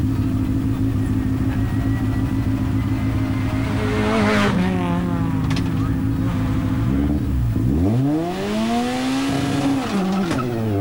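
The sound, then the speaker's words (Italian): A Fiat 600 rally car engine screams loudly at its rev limiter under full throttle, holding a high, buzzing pitch, then dropping and sweeping sharply back up as the throttle is worked again. “Eccolo lì, anche qui limitatore a palla, gas giù a tutta.”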